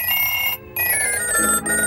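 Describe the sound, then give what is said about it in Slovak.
A telephone with a handset rings loudly in continuous metallic bell bursts, with a brief gap between rings; no one speaks. “A vieš ty čo, telefón? Ja ťa nechám ležať a zodvihnem iba slúchadlo.”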